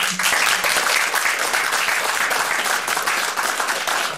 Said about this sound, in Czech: Tleskáme vzpomínkám na herectví tehdy opravdu velkého fešáka Vondráčka.